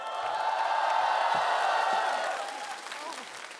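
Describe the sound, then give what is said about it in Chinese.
A crowd claps and cheers for the young singer who performed the first song, in a dense, steady roar of applause with a few voices whooping through it. It holds loud for a couple of seconds, then begins to taper off. “来，掌声给我们青年歌手的第一首歌的演唱者，”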